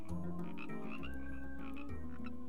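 Frogs croak in a dense, throaty chorus, the calls pulsing and overlapping in short bursts. The sound is steady, with no voices.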